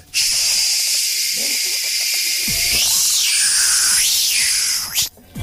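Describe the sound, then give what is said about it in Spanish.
A Quitaplagas pest control worker sprays inside a home: a steady, bright hiss of spray runs almost continuously for about five seconds, with a couple of brief pitch wobbles and faint knocks underneath before it cuts off. “Entra, le echas spray...”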